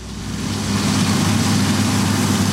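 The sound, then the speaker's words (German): Combine harvesters and tractors working over dry ground through dusty air during the grain harvest in Austria drone steadily, a deep rumble with a rough, grinding upper layer that holds constant throughout. No one speaks. “Die Mähdrescher und Traktoren haben sich schon über trockenen Boden und durch staubige Luft gearbeitet.”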